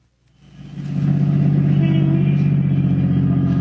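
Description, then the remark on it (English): A car engine rises from silence to a steady, low rumble that holds constant, idling and humming as the car pulls into a parking space, without any voices. “We're lucky. There's a parking space. All right, pull in. Now turn off the motor.”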